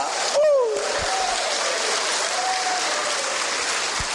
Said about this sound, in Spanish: ¡Aplauso para la iglesia!